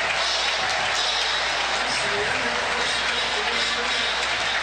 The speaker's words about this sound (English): And that should do it as Virginia fans applaud here in the first half. 17-0 start for the Cavaliers.